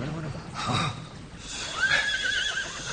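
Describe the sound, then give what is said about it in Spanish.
A horse whinnies with a rising, wavering call, heard amid other indistinct voices and a low rumble of movement, as riders dismount near a palace at night and the horses are tied up. “Y ata bien esos caballos.”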